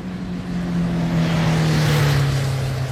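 A heavy engine of a cargo truck loaded with goods drones steadily, its low hum sliding slightly lower as the truck pulls away, driving out of Macau customs, with a broad wash of road or motor noise and no voices.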